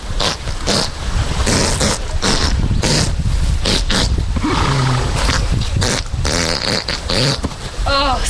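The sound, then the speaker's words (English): A very gassy horse passing gas: a long, loud run of rumbling, sputtering bursts that stretch on for several seconds, with squeaky, warbling tones creeping in toward the end. “It was a woman who owned a horse, and the horse was very gassy.”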